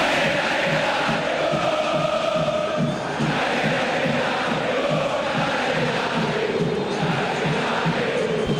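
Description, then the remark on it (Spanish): A large stadium crowd of Boca fans at a football match against a Paraguayan side roars and chants continuously, a dense, loud wall of shouting voices with a pulsing rhythm that holds steady for the whole stretch. “Y grita la gente, escuche la gente de Boca, escuche.”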